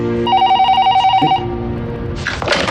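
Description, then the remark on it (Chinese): A telephone rings with a rapid, trilling electronic bell tone, loud, repeating in short bursts before giving way to a rustle of handling noise as it's picked up. “你说怎么着你给打个电话呀给他。”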